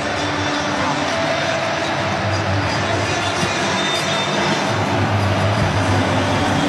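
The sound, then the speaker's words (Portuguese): A loud, steady roar from a stadium crowd of Brazilian football fans celebrating, a dense wash of many blended voices that holds at full volume without a break. “Olha que festa, o barulho aqui no estádio é ensurdecedor, torcida brasileira faz uma festa incrível.”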